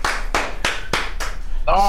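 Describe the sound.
Steady, evenly spaced applause claps, about five sharp beats in a row, fairly loud, ending as a voice begins speaking over the final moments.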